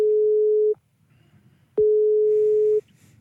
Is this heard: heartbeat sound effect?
no